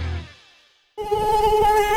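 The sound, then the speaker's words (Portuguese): After a fading tone and a brief hush, a dengue mosquito buzz starts abruptly, a steady, thin, high-pitched whine that holds loud and unbroken to the end. “A água parada é o berço do mosquito da dengue.”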